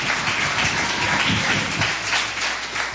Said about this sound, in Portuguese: Palmas para Jesus, bate palmas, diga glória.